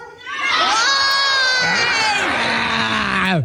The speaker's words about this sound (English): You know, if you're going to ask the crowd to join you in a screech, you need to tell them what it's going to be.